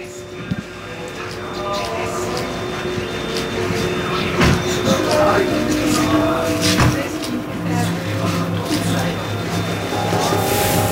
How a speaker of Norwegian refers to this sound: Og her ser vi altså nå at bilen med dronning Sonja kommer, og hun skal gå inn.